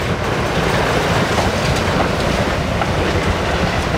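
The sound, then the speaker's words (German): Loud, steady noise of paper-making machines in a paper factory producing napkins, a dense continuous rumble and hiss filling all registers with a faint rhythmic clatter, running without pause. No one speaks. “Ziemlich laut sind die Maschinen, die das Papier produzieren.”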